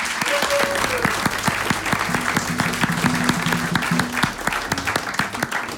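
An audience gathered in the Hendrix studio of Radio Koper applauds steadily, dense clapping filling the whole stretch at an even loudness, with faint musical tones running underneath.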